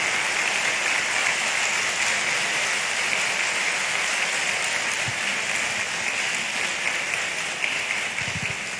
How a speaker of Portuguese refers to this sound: Eu acho que vocês merecem, acho que eu tenho um pequeno tempo, uma bonita salva de palmas a cada um de vocês.